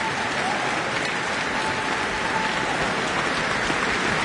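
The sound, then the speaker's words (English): Sustained, dense audience applause with cheering after violinist Chloe Chua's performance of the Tchaikovsky Violin Concerto in her New Zealand debut, a steady wash of many hands clapping at an even, loud level throughout with no pauses. “And you can hear some more cheers.”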